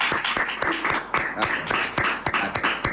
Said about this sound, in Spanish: Muy bien. Ahora sí, un aplauso.